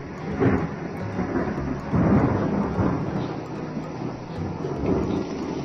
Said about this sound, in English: Call this first one a dark and stormy night. Have you figured out what's wrong yet? Yes, there was wind. Thunder.